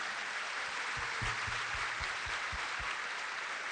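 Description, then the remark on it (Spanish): A crowd applauding steadily in honour of the friends of the Cadena 3 radio station: a dense, even wash of many hands clapping at constant loudness, with a few heavier low thumps scattered through it and no voices. “De esta boludez tenemos que juntarnos para estar contentos y felicitamos con un fuerte aplauso a la feliz idea de los amigos de la cadena 3.”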